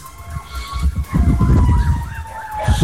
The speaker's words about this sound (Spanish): Claro, lo que ustedes escuchan es el sonido del carro de bomberos de la comuna de Coronel, que a esta hora se traslada hasta la comuna de Lota para ir en apoyo del contingente de esa comuna a propósito de una denuncia por eventual fuga de gas